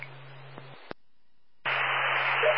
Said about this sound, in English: the last unit. Static only. Repeat your identifier.